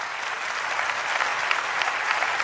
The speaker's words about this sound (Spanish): Dale fuerte ese aplauso a Dios.